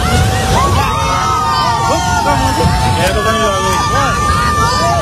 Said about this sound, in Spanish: Este es el momento en el que un puente es arrastrado por la fuerza del agua.